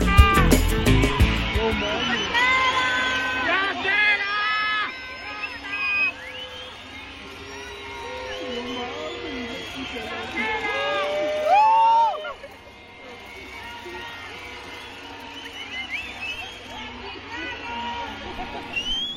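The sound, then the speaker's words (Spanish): A large outdoor crowd of residents gathered in front of the municipal palace in Tenancingo, State of Mexico, boos and jeers loudly and continuously at mayor Nancy Nápoles Pacheco as she appears on the balcony, many overlapping voices rising and falling in shouts and whistles, with a brief swell near the middle before settling to a steady roar. “terminamos este recuento con la alcaldesa de Tenancingo en el Estado de México, Nancy Nápoles Pacheco, que recibió abucheos de los habitantes que se congregaron frente a la presidencia municipal apenas se asomó al balcón.”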